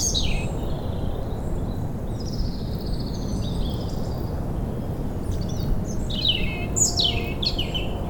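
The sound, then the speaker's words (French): Small birds sing and chirp among ferns near the Coubre lighthouse, facing the ocean, in bright, repeated phrases and quick descending trills, over a constant low roar of the ocean. No one speaks. “Des oiseaux de la fougère.”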